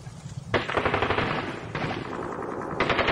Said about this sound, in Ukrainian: Олесь хотів вибігти на двір, але зачув, що там на випередки тьохкали два кулемети